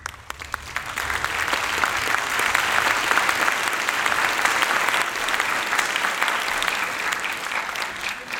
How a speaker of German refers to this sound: Dieses Klatschen kann ja manchmal auch ein sehr gutes Mittel sein, um Zeit zu gewinnen, nicht? Auch für mich gerade.